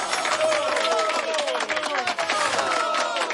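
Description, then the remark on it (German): A crowd applauds steadily and loudly for a few seconds to congratulate a game winner on a Radio 1 show, the dense clapping mixed with cheering voices and whoops throughout. “Das ist dein Applaus.”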